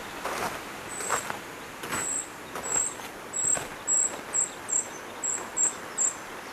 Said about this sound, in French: Des oiseaux.